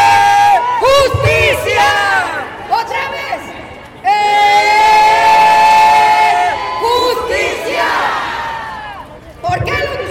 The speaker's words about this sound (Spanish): Les voy a pedir que hagan un ejercicio. Van a levantar sus manos. Van a levantar sus manos como le hacen en los juegos de fútbol. Y que gritan ¡eh!